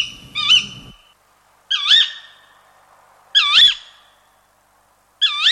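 An owl calls four times at steady intervals, each call a short, wavering, almost mewing cry, clear against a quiet background with no talking.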